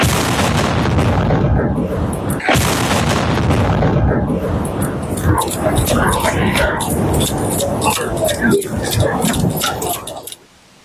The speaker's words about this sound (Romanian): Ce explozie puternică! Imaginile sunt surprinse de TVR, televiziunea română. În momentul în care drona a explodat, un jurnalist TVR era în proximitate.